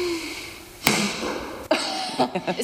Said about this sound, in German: Die kann Pfeile aus einem Blasrohr schießen.